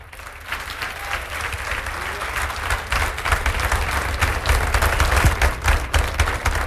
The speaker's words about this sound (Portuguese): Vamos aplaudir muito ao nome de Jesus.